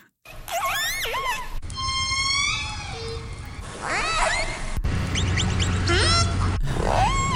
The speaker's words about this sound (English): Orcas is correct. Those are some orca sounds.